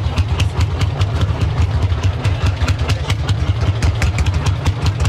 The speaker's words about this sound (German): Den Traktor muss man nämlich irgendwie andrehen und wenn du da nicht aufpasst, der bricht dir einen Arm